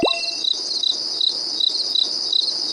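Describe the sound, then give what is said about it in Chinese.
A cricket chirps steadily nearby while being recorded outdoors in nature, its bright, high trill pulsing in a regular rhythm of about three bursts per second, with a faint layer of other insects buzzing in the background. “这边有蛐蛐哦，好像就在这附近呢，在这儿，找找，它在叫。”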